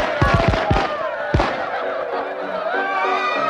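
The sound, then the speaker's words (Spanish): A quick volley of fireworks bangs at a grand fireworks display before a ball, four or five sharp pops in rapid succession and then one more burst, followed by a steady murmur of crowd noise. “Cuando se acabaron los fuegos artificiales y comenzó el baile, regresamos al grandioso conjunto de salas que se habían abierto para los bailarines.”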